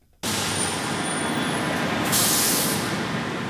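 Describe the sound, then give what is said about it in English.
Steady roar of curbside traffic at LAX airport in Los Angeles fills the scene, with a sharp burst of hissing air brakes from a bus rising over it partway through. No one speaks. “KCRW's Brandon Reynolds heads to the airport to tell us about the construction, the delayed people mover”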